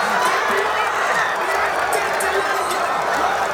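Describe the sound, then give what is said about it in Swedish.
A large crowd of football supporters roars and cheers outdoors at night in the town square in Sundsvall after a goal, a loud, continuous wash of many shouting voices filling the whole few seconds without letting up. “Vi kan höra på lite glada supportrar som var uppe i natt på torget i Sundsvall. Då lät det så här när Elanga gjorde mål.”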